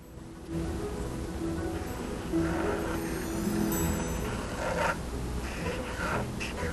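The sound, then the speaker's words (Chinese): A marker pen squeaks and scratches steadily across paper, tracing over a pencil drawing of an eyeball, with short strokes merging into a continuous rasp and a few brighter, harder strokes along the way. “画上来之后呢，一样我们可以拿奇异笔，稍微帮它描一下。”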